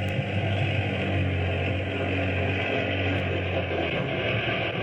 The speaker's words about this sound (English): Gun the motor, Skipper. Let her go. Full speed ahead.